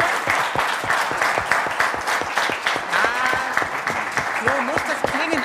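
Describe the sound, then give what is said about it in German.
An audience at the Mittendrin in Cottbus claps steadily at the end of an evening event, a dense wash of hand claps that stays loud throughout, with a few voices calling and cheering over the applause. “Das ist jetzt Ihr gemeinsamer Applaus.”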